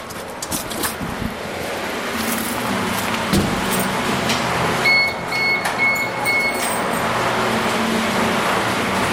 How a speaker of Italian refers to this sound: ci apre e si inizia a sentire scorrere l'acqua.